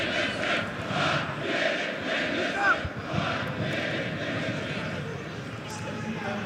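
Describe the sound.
A stadium crowd of Kanari fans at a football match against Sarpsborg roars and chants continuously, a dense wall of voices with rhythmic swells and a brief whistle-like cry rising above the din, as player Arieri works to rouse them.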